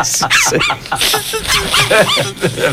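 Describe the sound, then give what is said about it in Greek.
A dog barks and whimpers repeatedly, with high yips and whiny cries mixed in, loud throughout. “Το τι είχες βρει και ήχο. Από σκύλι.”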